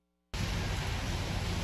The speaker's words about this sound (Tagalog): Bumuhos man ng malakas na ulan, hindi natinag ang mga estudyante.